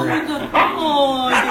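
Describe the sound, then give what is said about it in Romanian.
A small dog, kept hidden at a holiday lodging, barks: two sharp yaps about a second apart with a whiny, drawn-out tone running between them. “Să n-ai voie să aduci câinii la odihnă și să trebuiască să-i ascunzi.”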